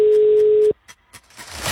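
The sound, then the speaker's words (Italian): A single steady mobile phone ringing tone from a radio quiz call to a listener sounds clearly for under a second, then cuts off abruptly, leaving a few faint clicks and a rising hiss of line noise. No one speaks. “Chi vince se la canta entro il quinto squillo.”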